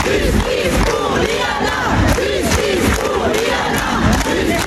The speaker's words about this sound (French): Hier à Toulouse, il y avait 2000 personnes devant le tribunal. Il y a eu des cris et des larmes, et puis de nombreux manifestants qui ont spontanément pris la parole.